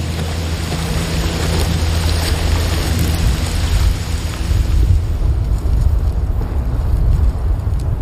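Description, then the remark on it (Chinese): Heavy rain pours down in a steady, dense hiss over a deep low rumble, loud throughout; the brighter upper edge of the downpour softens partway through while the rumble continues. “雌虎和孩子们也喜欢下雨，因为这可以冲淡它们的气味。”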